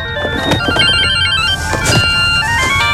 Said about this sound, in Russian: У вас мобильник звонит. Ответьте. Да не звонит мне.